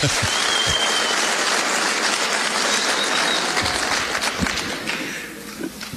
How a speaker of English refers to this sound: Why are they clapping? What are you saying?